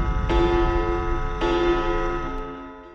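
A clock striking midnight ticks with two sharp, resonant strikes about a second apart, each leaving a sustained metallic ring over a low background hum, with a faint third tick near the end.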